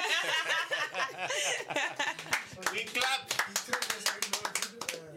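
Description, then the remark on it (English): Several people laugh and chatter, then a burst of sharp, rapid hand clapping breaks out and continues in quick, uneven rhythm alongside the voices. “We clap.”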